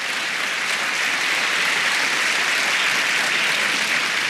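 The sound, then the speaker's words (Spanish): A church audience claps their hands for the Lord in a dense, continuous wash of applause that stays steady and loud for several seconds, with no voices standing out. “Si va a aplaudir, le aplauda con gozo.”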